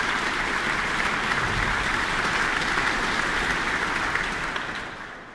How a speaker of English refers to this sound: That applause for tonight's concertmaster, Vesa Matti-Leppänen.